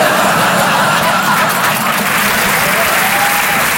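A large audience claps continuously, a dense, steady wash of applause that stays loud and even from start to finish, with no pauses or voices standing out.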